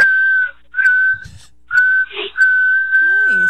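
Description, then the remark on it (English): A person whistles into the phone on a voicemail, a series of long, steady, high notes, loud, separated by short pauses, with a brief murmur of voice overlapping near the end. “That's an impressive whistle.”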